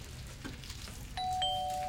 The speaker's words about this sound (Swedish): Nu, men då säger det pling plong.